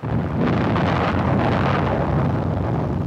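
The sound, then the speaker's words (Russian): A bundle of grenades thrown under a tank's track explodes in a heavy roar, a dense, sustained rumble, loud and broad, swelling slightly after the first moment and holding steady for about three seconds with no voices. “Не давая жизни машине, я бросился в рост под ближний танк и швырнул под его гусеницу связку гранат.”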